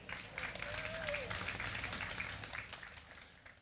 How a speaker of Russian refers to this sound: А для начала мы одарим аплодисментами всех тех, кто для вас сегодня работает в этих локациях. Ваши друзья, аплодисменты!